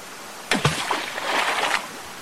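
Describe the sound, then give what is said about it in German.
A roaring waterfall surges in a loud burst of rushing, splashing water lasting just over a second, then drops away to quiet background noise. No one speaks. “Laut rauscht der Wasserfall”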